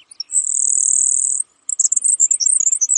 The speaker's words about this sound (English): Other birds are so buzzy that they're easily mistaken for insects, like this grasshopper sparrow.